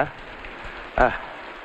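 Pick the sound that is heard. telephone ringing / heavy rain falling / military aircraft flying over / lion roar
heavy rain falling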